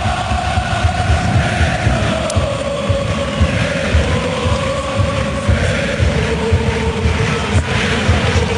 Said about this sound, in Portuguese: grande ambiente, escute o ambiente no Citer Stadium.